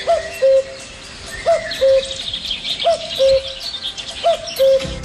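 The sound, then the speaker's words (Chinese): A common cuckoo calls its two-note "cu-ckoo" four times in steady rhythm, clear, over a soft background of insects and birdsong. “对，杜鹃来讲呢，就是我们说的布谷鸟， 布谷鸟 的声音就是布谷布谷， 对， 布谷布谷，这种声音呢是大杜鹃。”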